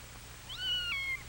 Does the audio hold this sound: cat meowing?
yes